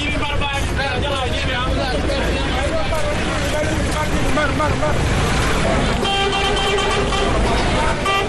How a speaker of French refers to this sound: Sous un soleil accablant, des voyageurs, hommes comme femmes de tout âge, traînent avec leurs bagages, entre autres valises, valisettes, sacs et même des moutons, un décor auquel s'ajoutent les cris des coxeurs et les klaxons des véhicules.